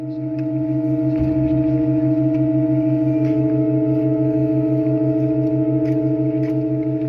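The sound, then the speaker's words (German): A steady, sustained organ chord holds throughout, and after a soft thump a newly installed organ pipe, set into a provisional wooden frame and given air, joins hesitantly, wavering for 2-3 seconds before settling into a clear, even tone. “Interessanterweise spricht die neue Pfeife nicht sofort an, sondern räuspert sich noch 2-3 Sekunden, bis sie präsent klingt.”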